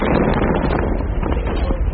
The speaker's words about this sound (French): Une scène très impressionnante ici dans le sud du Liban. D'abord un immense flash de lumière, une longue ligne de flammes qui s'élève et un bruit assourdissant.